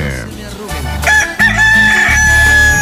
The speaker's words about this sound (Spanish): Y para que se motive más, véngase para acá, mi gallo. Échele y cántele fuerte.